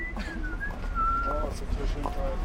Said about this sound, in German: Auf der Straße versucht ein junger Mann, die Star-Wars-Melodie zu pfeifen. Nur eben in schief.